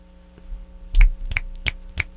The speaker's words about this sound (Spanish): Los aplausos se escuchan muy fuerte y estridentes en el micrófono, por eso chasqueo los dedos.